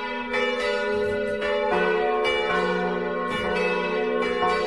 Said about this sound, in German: Ein sehr interessantes Geläut erklingt aus dem Turm von St. Peter und Paul im schweizerischen Vordertal. Es läuten vier Glocken der katholischen Kirche.